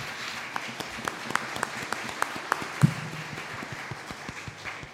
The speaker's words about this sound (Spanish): Muy bien, muchas gracias a las comunidades que han venido hoy día a celebrar con nosotros. Un aplauso para las comunidades del sector poniente.